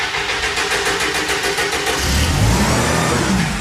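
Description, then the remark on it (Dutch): A fishing boat's engine is restarted: it cranks with a rapid pulsing whir, then catches and revs up into a louder, deeper roar that holds steady, with no talking. “Zo, de motor weer gestart.”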